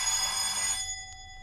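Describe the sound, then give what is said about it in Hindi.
The doorbell of house number 301 rings once with a bright, shrill electric jangle that lasts under a second, then its high tones hum on faintly and steadily. No voices are heard. “रुको मैं घंटी बजाता हूँ।”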